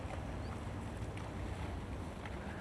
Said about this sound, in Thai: คนสิงคโปร์นะครับเขาคนนี้นิยมก็คือเขาเร่งกีฬาแบบพายเรือนะครับพายเรือแบบนี้เห็นไหมพอดีมาแล้วโอ้ท่านใจมากมีผู้ชายด้วยมีผู้หญิงด้วย